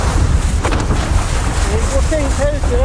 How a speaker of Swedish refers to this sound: nu är alltså Kjell ute i de stora vågorna, och det vi hör är ju alltså hans mick